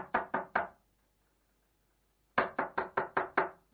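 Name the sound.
knocking on a door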